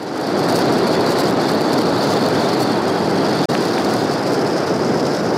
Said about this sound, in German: In der Straße von Gibraltar ist das aber alles andere als einfach. Rund 60.000 Schiffe durchqueren dort jedes Jahr die Meerenge, weshalb es unter Wasser oft so klingt.